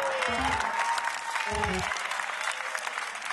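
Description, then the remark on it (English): An audience claps steadily throughout, a dense crackle of many hands with brief low-pitched voice-like sounds mixed in underneath. “Your claps are staying pretty consistent.”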